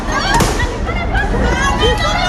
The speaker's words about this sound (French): Et pendant notre interview, deux bouteilles en verre sont jetées sur les policiers derrière. Qui, pour répliquer, tirent des grenades lacrymogènes.